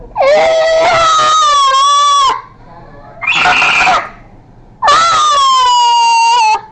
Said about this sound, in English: followed by more noises, causing the boy to start yelling.